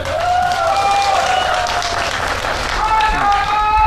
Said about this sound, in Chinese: 在我们的比赛过程当中，也希望大家能够加油，加油，送给我们的双方运动员，加油，继续献上我们的掌声，送给我们的双方运动员。